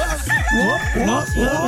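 A rooster crows in a quick series of strained, rising-and-falling calls, loud, with a faint steady hum running underneath.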